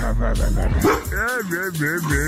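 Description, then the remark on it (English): A person imitates a dog, letting out a quick run of yappy, high-pitched barks and yips, fairly loud, with a whiny, whimpering edge between them. “You're gonna make silly dog noises whenever you see a dog.”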